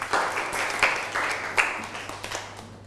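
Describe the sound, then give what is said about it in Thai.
A group of students claps for a classmate who has just answered during a meditation lesson, a dense, steady patter of applause with a few sharper louder claps standing out, and no voices over it. “ได้ครับ ได้นั่งลงครับปรบมือให้กับเพื่อน”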